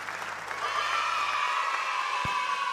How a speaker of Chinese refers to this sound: 感谢大家的掌声声吼，谢谢大家。